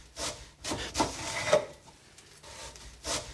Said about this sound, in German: Dann schnipple ich das Brot in ganz dünne Scheiben. Ich muss nur aufpassen, dass ich mich nicht schneide.